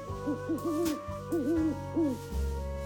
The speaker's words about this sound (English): some of your favourite things come out when it's dark, like nocturnal animals. They sleep all during the day, and then they only come out at night time. Really? Yes. Look, an owl.